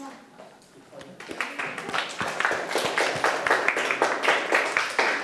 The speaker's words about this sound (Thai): ถูกหมดทุกข้อนะครับเก่งมากๆเลยปรบมือให้ตัวเองได้ครับ